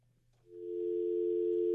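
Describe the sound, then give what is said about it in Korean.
A steady telephone dial tone, as a call is placed to a listener identified as number 4563, starts after a brief click and holds continuously at a clear, moderately loud level, with a faint low hum underneath and no voices. “가능하다고. 전화해볼게요.”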